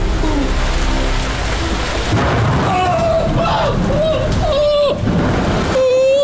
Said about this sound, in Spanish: ¡Y estos truenos tan aterradores! ¡Basta ya!